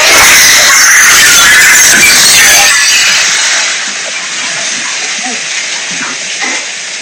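Strong wind roars as it batters and breaks the windows of a well-known hotel on Boulevard García Morales, a loud, steady hiss-like rush that eases somewhat after about three seconds and then continues more softly with faint rustling underneath.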